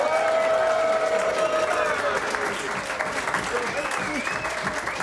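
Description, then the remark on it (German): An audience applauds steadily for about five seconds, a dense, continuous patter of many hands clapping, with some crowd voices and cheering mixed in, for someone who collected more than 500 euros in small change for the first time. “Und das alleine ist schon mal ein Applaus wert.”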